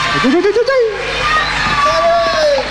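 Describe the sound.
An audience at a live orchestra concert applauds and cheers loudly for the singer, a dense wash of clapping with rising whoops and shouted voices on top, sustained for the whole few seconds.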